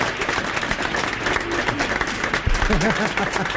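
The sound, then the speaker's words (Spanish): A crowd claps steadily throughout in response to a joke, a dense, even wash of applause, with a voice briefly rising over it near the end. “Esa se merece un aplauso.”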